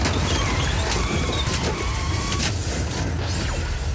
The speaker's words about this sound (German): Es war ein lauer Oktobertag. Plötzlich passierte auf der Kreuzung ein Autounfall.